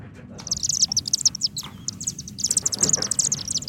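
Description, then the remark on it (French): Rapid, high-pitched twittering chatter from chimney swifts, coming in quick repeated bursts over a low background rumble, fairly clear and continuous throughout. “qui se sont rendus compte qu'ils avaient sur leur terrain aussi des Martinet Ramoneur”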